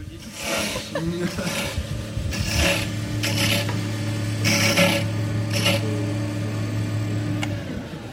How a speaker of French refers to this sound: Alors là, qu'est-ce qu'on entend? On entend un tour à bois. Donc là, on est sur un atelier tournage sur bois où les élèves vont fabriquer un porte-clés